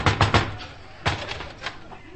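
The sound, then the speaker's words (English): Three quick, sharp knocks on a door at night, a short pause, then another firm rap followed by a couple of lighter taps, with no voices. “I'm terribly sorry to knock you up so late.”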